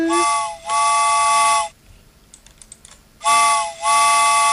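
A loud, chord-like train whistle sound effect blows twice as the train sets off, each blast dipping briefly in the middle. Between the blasts is a short lull with faint clicking, like typing.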